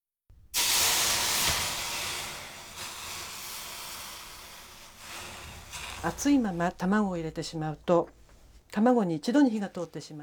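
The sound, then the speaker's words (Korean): A loud burst of steamy hissing starts abruptly and slowly fades over several seconds as a hot pot, preheated with a teaspoon of cooking oil and with the heat turned off, is set on a water-soaked dish cloth to cool, followed by a person talking. “물에 적신 행주 위에 냄비를 올려놓습니다.”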